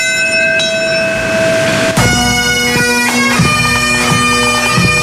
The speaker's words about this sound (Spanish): Campana, el sonido de las gaitas y la lectura de los nombres de cada una de las víctimas de la zona cero en la plaza del Memorial del 11S y ese sonido de las campanas coincidiendo con la hora a la que el primer avión chocó con las Torres Gemelas.